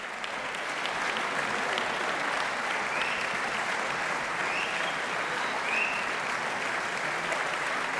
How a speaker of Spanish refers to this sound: Y seguían sonando esos aplausos que en realidad no eran otra cosa que el preludio de un pequeño regalo de los músicos al público.